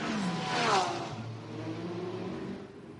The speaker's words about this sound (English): Now they've all just driven straight out of the pit lane into a GTD field. I can't see it from here, but I do hope that pit lane light was on green.